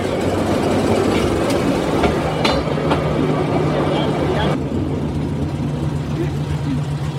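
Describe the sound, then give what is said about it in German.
A rail draisine rumbles steadily along the track as it drives out from a turntable, its engine droning underneath while a few sharp metallic clacks ring out from the wheels. “So, wir stehen jetzt auf der Drehscheibe, fahren raus.”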